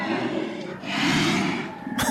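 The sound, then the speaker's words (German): Brown bears of Katmai National Park in Alaska calling: a rough, breathy stretch of low growling and huffing that swells midway and ends in a sharp, noisy burst. “Ja, das sind Bärenrufe.”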